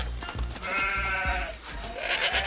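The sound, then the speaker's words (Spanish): A herd of sheep and goats bleat loudly, several wavering cries overlapping one after another, with dull low thumps underneath and no talking. “Así es, Abu, somos un rebaño de ovejas y cabras.”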